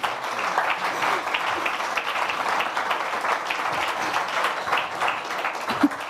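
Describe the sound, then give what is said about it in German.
Steady applause from a crowd for a person coming onto a stage fills the whole stretch, a dense wash of many hands clapping at once, fairly loud and sustained without pause, with no voices standing out. “Und nochmal ein Applaus, bis du auf der Bühne bist.”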